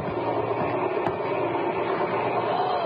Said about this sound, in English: What's that noise? Sounds like a plane. Hey, y'all, come on outside. It's your helicopter.